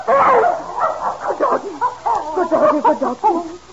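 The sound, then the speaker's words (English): A dog that has started digging barks and whimpers, a steady run of short yelps and whiny, wavering cries that rise and fall for a few seconds without pause. “that blasted doggy's gone and started digging under Master's”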